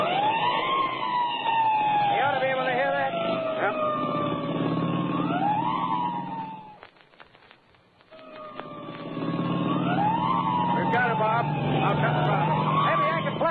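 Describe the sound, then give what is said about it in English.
A police car siren wails loudly as the car chases a speeding coupe, its pitch sweeping up and down over a low engine rumble, cutting out briefly in the middle before resuming. “I'll get the siren all the way.”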